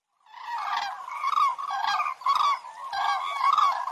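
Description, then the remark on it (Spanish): A flock of 15 cranes in V formation trumpets overhead above the gorge of the Kazakh river at Sagmosavank monastery in Armenia, rolling, bugling calls overlapping in a steady chorus of loud, harmonically rich honks for about four seconds, with no voices. “¡Inconfundibles! Son las grullas.”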